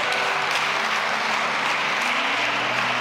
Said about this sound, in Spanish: Ya, un aplauso para ella, gracias.